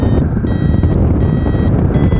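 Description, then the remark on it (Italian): A paragliding variometer beeps in steady high-pitched pulses as the glider tries to climb in a thermal, briefly pausing then resuming, over a loud roar of wind buffeting the microphone. “Adesso sto cercando di salire, siamo un po' in termica, senti, c'è il bip bip del variometro.”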